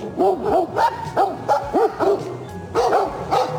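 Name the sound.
stray dogs barking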